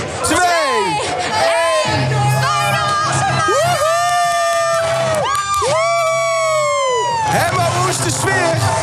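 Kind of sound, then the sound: crowd, crowd cheering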